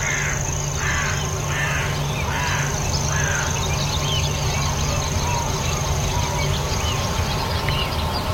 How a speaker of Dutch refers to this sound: met in de verte de sprinkhaanzanger, dat permanente getril. Hoor je het?